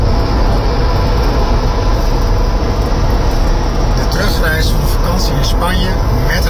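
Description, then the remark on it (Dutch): Loud, steady road rumble and engine drone from inside a moving car on the return trip from a holiday in Spain, harsh and distorted through a poor-quality car kit, with an indistinct voice buried in the noise. “Daar zat in de auto. Beetje slechte car kit.”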